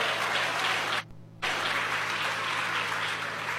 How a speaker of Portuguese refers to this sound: Pode bater as palmas para Jesus, pode bater as palmas para Jesus, oh glória.